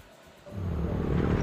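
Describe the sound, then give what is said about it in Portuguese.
A motorcycle engine growls in, swelling from a low rumble to a steady, loud roar with a rough, throaty buzz that holds through the end. “Amor, ouviu essa moto?”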